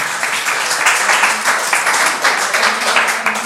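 Applause from a group on a radio show after a guest is thanked, a dense wash of many hands clapping steadily and fairly loudly throughout, with a faint murmur of voices underneath.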